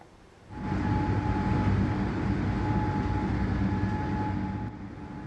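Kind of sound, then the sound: signal or alarm, air raid siren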